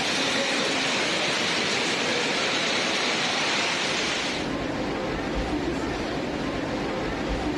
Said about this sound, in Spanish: Fuerte lluvia cargada con granizo sorprendió a los quiteños la tarde de este domingo 4 de octubre